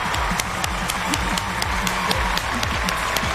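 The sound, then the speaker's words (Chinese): An audience breaks into steady, sustained applause welcoming the Guangzhou Xinghu Choir, a choir from Guangdong, dense overlapping claps holding an even loudness throughout with a faint murmur of voices underneath. “让我们掌声欢迎广州星湖合唱团，欢迎各位。”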